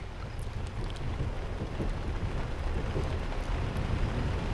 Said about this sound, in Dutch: Als u dat te voet doet, met dan inderdaad eventueel de klank van wat regen en een trein in de verte.